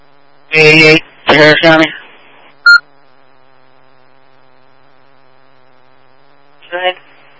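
A school's low pressure alarm system, set off by hydrant testing around the school, sounds in loud, buzzy electronic bursts: two harsh blasts close together, a quick short beep, then after a long quiet gap one fainter burst.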